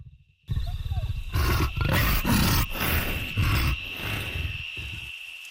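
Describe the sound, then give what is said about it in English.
A leopard circling a house at night, after missing a kill, gives a rasping, sawing cough, repeated without pause in a steady run of harsh grunting bursts, loud and rough against a faint constant high hum. “One long, tense night, a leopard circled our house, coughing without pause after it missed a kill.”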